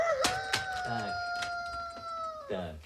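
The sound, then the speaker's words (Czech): A rooster lets out a long, loud, strained squawk that holds steady for a couple of seconds, broken by sharp knocking or flapping sounds, then trails off into softer clucking. “Ale taťuldo, kohout nelítá.”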